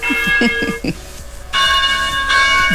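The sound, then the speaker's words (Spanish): Church bells in Munich peal loudly and continuously, several bells overlapping in a rich, ringing clang with long sustained tones, with no voices. “De hecho sí dice campanas en Múnich.”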